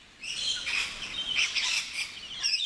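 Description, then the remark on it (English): A flock of rainbow lorikeets chirps and screeches continuously, their shrill overlapping calls dense, with no talking. “snack bar for rainbow lorikeets.”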